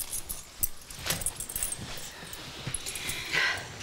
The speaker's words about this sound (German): Das ist der Haustürschlüssel.